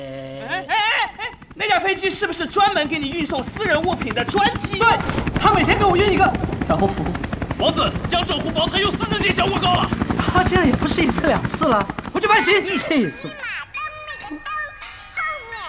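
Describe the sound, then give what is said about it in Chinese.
A loud aircraft roars close overhead with a rapid, rhythmic chopping throb, steady for about ten seconds before cutting away, while people talk over it. “那架飞机是不是专门给你运送私人物品的专机？”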